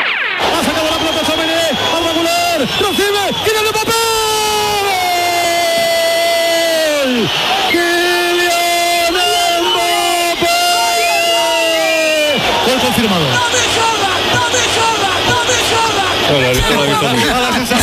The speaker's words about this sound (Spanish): Radio Nacional de España, tablero deportivo, el domingo, Oviedo Real Madrid, primer gol de Mbappé y un loco en la grada dando gritos al lado de la cabina